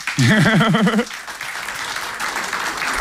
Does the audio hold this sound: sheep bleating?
no